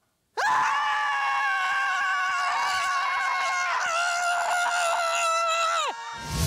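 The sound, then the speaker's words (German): A group of people at a scream club in Kiel screams together in one long, loud, sustained collective yell lasting several seconds, with a brief dip midway before the shouting swells again and cuts off abruptly. “das Schreien in der Gruppe getestet”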